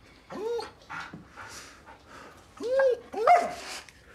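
A dog barks in a few separate, yelping bursts, with softer breathy panting and snuffling in the gaps between them. No one speaks.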